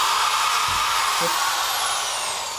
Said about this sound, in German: Das probieren wir mal einfach aus. Ja, dazu brauchen wir einen Bohrer. Vorsicht, das ist scharf.